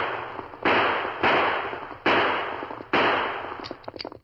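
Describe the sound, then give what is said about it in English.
Four loud gunshots, fired in the woods by a rider on a fast-moving horse at a masked man until the gun is emptied, crack out at uneven intervals, each a sharp bang followed by a ringing, slowly fading tail, with some faint clicks and rustling at the end. “He turned and seeing the masked man moving closer, he fired.”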